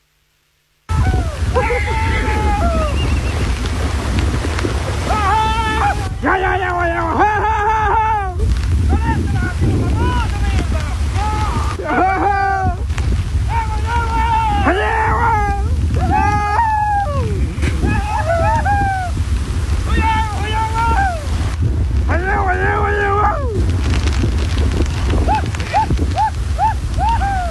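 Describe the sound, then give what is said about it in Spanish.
Outdoor rescue of about 30 horses stranded in a flooded river at Punta Carampangue, Arauco: steady wind buffets the microphone over a low rumble of rushing water and a boat engine, while several people shout and call out throughout. “Escuchemos el ambiente de lo que fue un rescate en un video ampliamente viralizado.”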